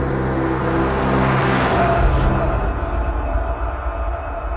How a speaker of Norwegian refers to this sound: Så kom lyden av en bil som raskt svingte ut fra tunet og kjørte inn I natta.